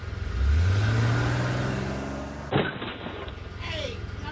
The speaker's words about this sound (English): You fool, you backed into the car behind us. I didn't know it was in reverse. I got rattled.